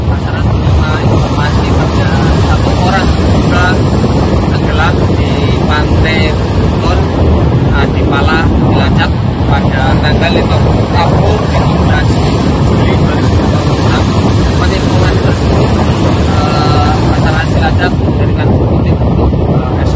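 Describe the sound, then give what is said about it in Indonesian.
A rigid inflatable rescue boat carrying an Indonesian search and rescue (Basarnas) team roars steadily across open water in Indonesian waters, heading to a location at sea; its engine drones loud beneath heavy wind buffeting and rushing spray for the full stretch. “Menindaklanjuti laporan tersebut, tim rescue Basarnas segera menuju lokasi menggunakan RIB.”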